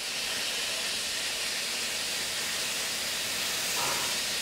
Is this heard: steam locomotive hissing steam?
yes